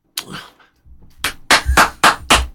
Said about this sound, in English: Getting a bit of sauce out of the bottle.